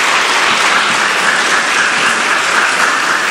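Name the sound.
audience applauding orchestra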